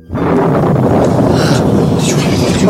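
A loud, deep thunder-like rumble, the voice from heaven at the baptism of Jesus by John the Baptist, swells in abruptly and rolls on steadily without fading, with a dense low roar and a faint hint of a muffled voice within it.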